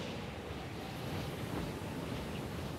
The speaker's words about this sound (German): Wild ist auch der Wind, der in Velebit entsteht. Die Bura, ein kalter Fallwind, kommt plötzlich, pfeift über Land und Meer und erreicht Geschwindigkeiten von über 200 Kilometern pro Stunde.